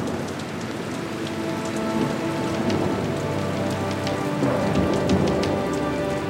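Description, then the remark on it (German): Steady rain pours down, pattering densely on a surface, with a low rumble of thunder swelling faintly underneath midway through, from an approaching heat thunderstorm at the Graupelheimer Gewittergipfel. No voices are heard. “Das war nicht mein Magen. Das war Donnergrollen. Da, schon wieder. Ein Gewitter ist im Anmarsch.”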